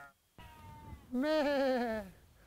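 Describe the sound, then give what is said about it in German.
A sheep bleats once, a loud, wavering call of about a second that drops in pitch at the end, preceded by a fainter, steadier animal tone against quiet outdoor background, as sheep are let out to graze on pasture in spring. “Da warten wir den ganzen Winter drauf, ne, dass im Frühjahr wieder genug Gras steht, dass die Schafe rauskommen.”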